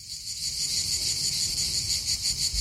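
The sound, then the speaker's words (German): A dense, continuous buzz of cicadas chirping fills the air, loud and steady with a slight pulsing rhythm, over a low rumble of background noise. “Sie hören Zikaden.”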